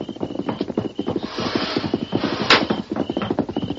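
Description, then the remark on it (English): A horse whinnies loudly over a steady, rhythmic clatter of hoofbeats that grows nearer, with no talking. “What's that? A horse?”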